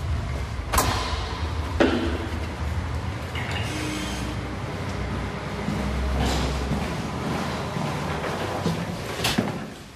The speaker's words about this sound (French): Poussez la porte, c'est au premier étage.